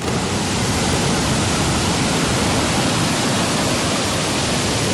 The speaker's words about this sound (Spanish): Este es el efecto del mar de fondo.